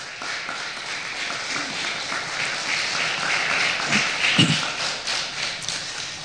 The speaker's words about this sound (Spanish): Se merece un aplauso el Señor.